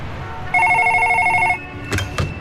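A telephone rings once with a fast, trilling electronic bell lasting about a second, fairly loud. Two brief clicks follow, like a handset being picked up.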